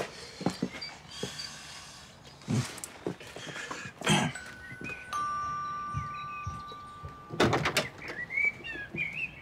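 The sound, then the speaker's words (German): A doorbell rings with a steady, sustained electronic tone lasting a couple of seconds, surrounded by sharp clattering knocks and rustling. No one speaks. “welcher Idiot klingelt um die Uhrzeit?”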